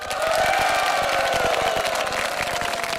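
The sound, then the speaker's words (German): A large crowd in the Black Forest applauds steadily, dense clapping mixed with cheers and a few whistles, loud and sustained for the whole stretch with no talking over it. “Und ich glaube, das ist ein Applaus von uns wert.”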